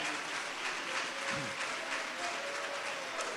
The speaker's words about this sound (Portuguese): Quem louva a Deus por este momento, diga glória a Deus. Aleluia, pode aplaudir ao Senhor.